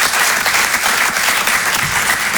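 Steady applause from an audience, a dense wash of many hands clapping at a constant loud level for a couple of seconds, with no voices standing out.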